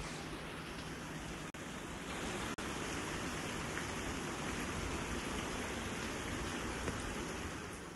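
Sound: heavy monsoon rain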